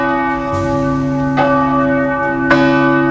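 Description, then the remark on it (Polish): Loud parish church bells, which ring only twice a day, at noon and after 16:00, ring out with a rich, sustained drone, fresh strikes landing a second or so apart as the tones hang and overlap. No voices. “dzwony odzywają się tylko 2 razy dziennie, w samo południe oraz po 16:00 i ich zdaniem uciążliwe nie są.”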